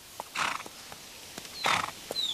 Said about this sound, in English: Did you hear that horse snort? Horses sometimes snort when they are surprised or curious. I think this young filly is interested in the little chook.